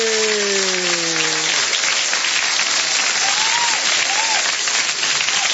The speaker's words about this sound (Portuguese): anos de vida e muitos aplausos para os aniversariantes. Aê!